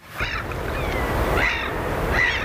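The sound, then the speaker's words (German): Steady rushing surf on a coast in Sweden in the middle of the night fills the background while gulls cry out in the wind above it, three short calls spaced about a second apart, with no one speaking. “Möwen und Wellen, guter Stoff, sagt einer der Moderatoren im schwedischen Radio.”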